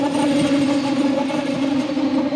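A loud, steady whirring rumble of a train approaching and passing, a droning mechanical hum that builds louder until the train goes by, with no voices.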